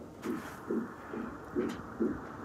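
Rapid, rhythmic whooshing pulses of a fetal heartbeat through an ultrasound monitor during a doctor's appointment, about two beats per second, steady and muffled over a constant low hiss.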